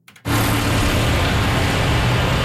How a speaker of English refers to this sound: The low rumble of tractor engines, the scent of manure in the air, all perfect dressings for the competition unfolding on a stage of packed dirt lined with corral panels.